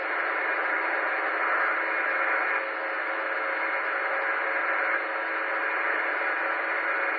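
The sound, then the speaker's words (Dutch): Steady, band-limited radio static hisses throughout, with only a very faint, barely discernible signal buried beneath it. The noise level shifts slightly a couple of times, and no one speaks. “Ja, maar daar kan ik geen soep van koken hoor, echt niet. Het is zo zwak, nou ja.”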